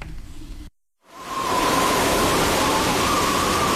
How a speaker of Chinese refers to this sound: 一个冬夜，大雪封山，寒风如刀